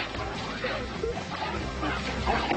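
An excited dog, Zack, in Germany yelps and whimpers as he greets his owner coming home after eight months away, its high, eager cries coming in short bursts over a loud, steady clatter of commotion.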